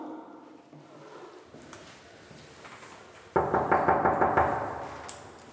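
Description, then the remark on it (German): A rapid series of about eight firm, loud knocks on an apartment door by a court bailiff trying to get in over a 200-euro debt, following a few seconds of quiet background noise. “Herr, sind Sie so gut und mach mal auf.”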